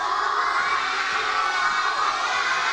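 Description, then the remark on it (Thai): A group of children clap and cheer together for a classmate who gave the correct answer, a loud, steady wash of applause and excited shouting that holds for a few seconds with no single voice standing out. “ยายเป็นคำตอบที่ถูกต้องไหมคะถูกต้องปรบมือให้เพื่อนค่ะ”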